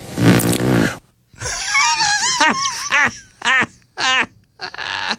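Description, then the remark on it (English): A loud, raspy fart blast lasts about a second, then a run of shorter squeaky, wavering pitched toots follows in uneven bursts with brief gaps between them. “And the rumor was that he either filled his pants or he farted.”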